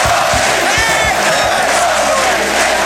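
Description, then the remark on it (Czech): A packed sports hall roars with sustained cheering and applause from spectators as Czechoslovakia wins the ice hockey world championship for the sixth time, a loud, dense wall of crowd noise with shouts and whoops rising throughout, continuous. “Sportovní hala praská ve švech a republika jásá.”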